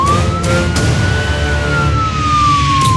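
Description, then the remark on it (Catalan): A police siren wails loudly and continuously, its tone slowly rising and then falling, over a steady rumble of traffic noise. “Soc la policia de l'ortografia.”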